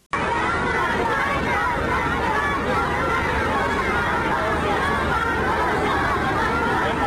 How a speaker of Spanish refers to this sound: Filas de cientos de niños, estudiantes de colegio que representan la juventud de China, quienes brincando y ondeando banderas de Estados Unidos y China rindieron honores a ambos líderes. Así se escuchó.